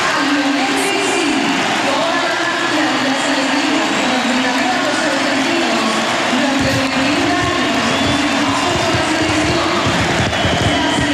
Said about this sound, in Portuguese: Estádio Monumental em aplauso contínuo durante vários instantes, o minuto 10 do Argentina-Benin, um jogo particular, um jogo que a Argentina ganhou por 3-0 em Buenos Aires, mas este não foi um jogo qualquer, foi o último jogo de Lionel Messi